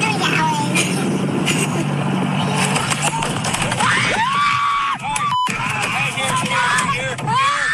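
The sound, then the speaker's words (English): Three young children on a boat on a murky lake shriek when a big fish jumps out of the water and hits them: several high, wavering shrieks break out in the second half over a loud, steady motor-like rumble, with a brief sharp cut in the middle. “So what is the screams from?”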